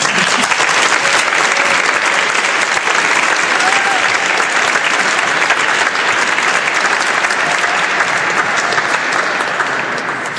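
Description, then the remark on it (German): Sustained applause from an audience, a second round thanking a man for the story he told, a dense, steady wash of clapping at full volume lasting the whole stretch, with no pauses and no talking over it. “Ja, er hat schon einen Applaus bekommen, aber ich glaube, für diese wunderschöne Beispiel und Geschichte hat er sich noch einen zweiten verdient.”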